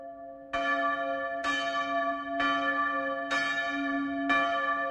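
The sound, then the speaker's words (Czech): A church bell strikes five o'clock, five strokes in a slow, even rhythm, each loud clang followed by a ringing hum that carries into the next stroke. No voices. “Hlučně bící pátá hodina mne vyrušila z dumání.”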